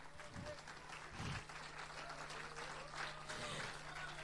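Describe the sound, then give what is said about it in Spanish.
A crowd applauds steadily for several seconds, a dense, continuous wash of clapping at even loudness, with a low hum and some muffled vocal sounds underneath. “Si es para mí ese aplauso, no me impresiona en lo absoluto.”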